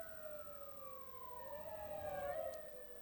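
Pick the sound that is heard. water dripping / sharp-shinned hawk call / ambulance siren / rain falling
ambulance siren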